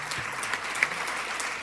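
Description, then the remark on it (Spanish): A crowd claps steadily, a dense wash of many hands applauding together at moderate loudness, with no clear breaks in the sound. The applause is for students receiving the 2026 annual student career award, and for their families. “Este aplauso es para ustedes y por supuesto para sus familias.”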